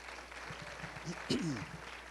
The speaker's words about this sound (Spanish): Y también, una vez más, ciertamente, ayúdeme a celebrar de nuevo esta clase de graduados del 2026. Denle un aplauso al Señor por sus vidas.